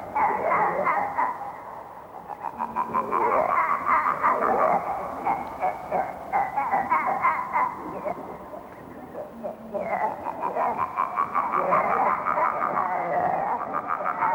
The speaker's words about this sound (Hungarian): Ki gondolta volna, hogy ekkora békák is vannak a világon? Tehát egyáltalán békák-e valójában? Félig békák, félig disznók. Különös egy farm.